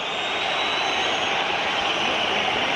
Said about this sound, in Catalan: Xiulets del públic local. L'àrbitre que marxa camí de bastidors, també els jugadors.